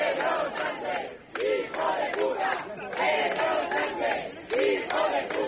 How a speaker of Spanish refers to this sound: Y a pesar también de gritos como este "invasores, expulsión", que corearon los asistentes en varios momentos aquí durante la intervención del alcalde Almeida.